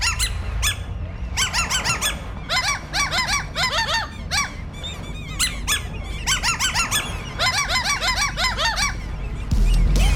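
Seagulls call repeatedly in loud, overlapping squawking bursts, several birds crying in quick rhythmic series over a steady low rumble of background noise.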